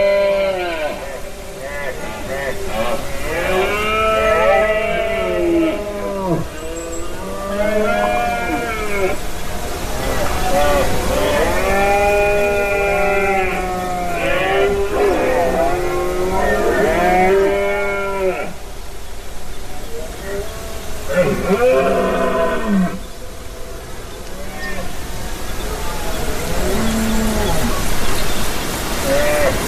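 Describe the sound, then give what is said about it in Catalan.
Red deer stags bellow in the rut at Beaumort, a limestone mountain in the Conca de Dalt and Pallars Jussà, within a large natural park: loud, drawn-out groaning roars that come in repeated bursts, sometimes overlapping, over a steady hiss of background noise. No one speaks. “Aquesta que escolteu és la brama dels cérvols a Beaumort, en aquesta muntanya calcària a la Conca de Dalt i al Pallars Jussà, i que s'engloba dins d'un gran parc natural que és super immens i que agafa molt del territori de muntanya, d'alta muntanya.”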